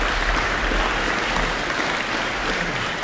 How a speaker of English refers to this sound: Oh, they got a lot of applause there. It's still going. Let's give them a bit more of a hand.